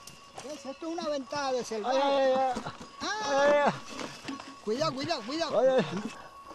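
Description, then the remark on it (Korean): A herd of goats being herded bleats in a steady, overlapping chorus, many wavering, nasal calls rising and falling in pitch one after another for several seconds, fairly loud and with no other sound standing out. “염소를 몰다 보면 예기치 못한 일도 많이 생깁니다.”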